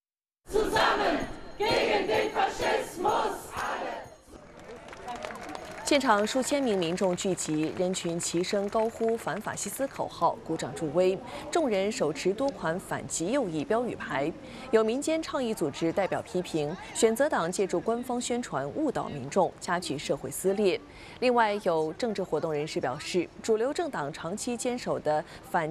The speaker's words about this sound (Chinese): 现场数千名民众聚集，人群齐声高呼"反法西斯"口号，鼓掌助威。众人手持多款反极右翼标语牌。